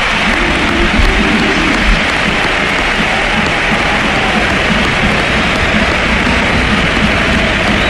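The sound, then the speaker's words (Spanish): A huge crowd at the Sánchez Pizjuán stadium gives footballer Luka Modric an ovation, a sustained, dense roar of clapping and cheering that stays loud and steady throughout, with no one speaking over it. “Reconocimiento de la afición a un futbolista llamado Luka Modric, que ha ido muchas veces allí con la camiseta al Madrid, pero que esto está por encima de camisetas y de escudos y de colores.”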